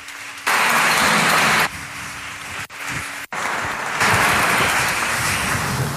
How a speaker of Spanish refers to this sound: Por favor, a escenario. Muchísimas gracias. Un aplauso para ello. Muchas gracias.